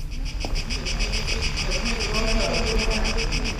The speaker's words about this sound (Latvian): Šī skaņa, kas man atgādina sienāžus, nāk no megafona, ko parasti mēdz izmantot protestos. Šajā izstādē iekļauts kāds darbs, kas tieši tā arī aicina domāt par krīzi Grieķijā, tomēr protestētāju balsis aizstātas ar dabas skaņām.